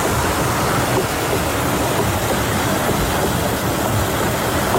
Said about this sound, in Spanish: Esto es un batán, esto está grabado antes de ayer, es el batán. Un batán es un ingenio que golpea, son troncos de madera muy gordos, muy pesados, que golpean la lana, abatanan el tejido para poder usarlo, ¿no?